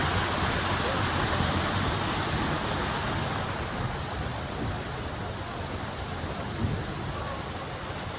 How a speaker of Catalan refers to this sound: Això que escolten torna a ser pluja intensa, en aquest cas que està caient aquest matí a Granollers, i és que quan semblava que la situació meteorològica començava a donar una treva després dels aiguats dels últims dies